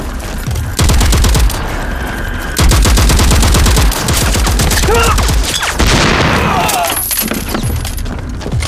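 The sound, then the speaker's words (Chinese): Loud, relentless gunfire crackles in rapid, overlapping bursts from the direction of Dayu Ridge behind Hill 314, where troops are fighting the enemy, with heavy low booms of artillery pounding underneath and faint shouted voices partly buried in the din. “前方报告，314高地后方大余岭方向传来激烈的枪炮声，”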